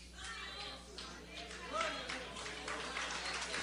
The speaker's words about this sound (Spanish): Dale un aplauso a Cristo, que Él se lo merece. El aplauso sea más fuerte, que Él se lo merece. El aplauso no es para mí, el aplauso es para Cristo. Él se lo merece.